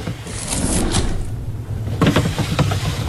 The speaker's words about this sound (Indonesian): Ia pun membuka satu persatu laci meja.